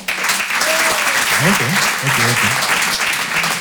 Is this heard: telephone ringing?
no